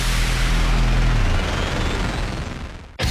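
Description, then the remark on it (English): A loud, dense barrage of fireworks explosions, booming and crackling in rapid overlapping bursts like a finale, with heavy low rumble at first, then sharp crackle before it cuts off abruptly. “When you're putting on a big fireworks show, you need the biggest finale cake.”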